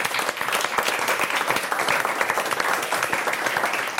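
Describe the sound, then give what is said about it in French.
An audience applauds itself for giving a correct answer, many hands clapping at once in a dense, sustained burst that stays loud and even throughout, with no one speaking over it. “Vous pouvez vous applaudir vous-même.”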